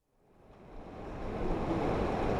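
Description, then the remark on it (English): Water of the Truckee River flows through Reno, Nevada, on a sweltering summer afternoon, rushing steadily in a broad continuous wash of noise that fades in and swells to a full roar with no voices. “The waters of the Truckee River flow through Reno on a sweltering summer afternoon.”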